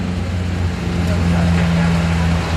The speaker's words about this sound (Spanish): Es el continuo ir y venir de los camiones autobomba, de los camiones de emergencia.